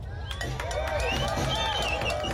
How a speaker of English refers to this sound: The crowd chanted with no pauses for almost an hour.